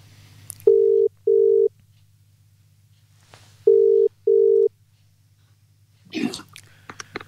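A telephone ringback tone sounds in two double rings, each a pair of steady mid-pitched buzzes, over a low hum, followed by a brief voice as the call is picked up; a call placed to a musician live on the radio show Hell or High Water.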